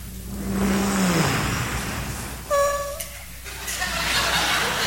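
A car engine hums low and steady as the car drives up into a driveway with as little noise as possible, then winds down as it rolls to a stop. A short high squeak follows amid faint laughter and murmuring from a crowd.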